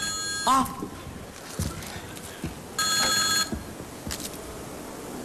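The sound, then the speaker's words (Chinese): A telephone rings late at night in two short, bright bursts separated by a pause of a couple of seconds, clear over quiet room noise and a few soft knocks. “哎呀，大妹子，来来来，我出个主意啊，咱两个把电话拿起来，咱俩谁也别说话，让电话那头先说话。”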